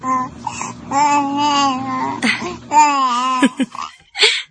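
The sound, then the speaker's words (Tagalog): A baby babbles in drawn-out, sing-song vocal sounds with rising and falling pitch, broken by short pauses and a few brief squeals, heard alone without adult talk. “Nakigistorya siya na ako.”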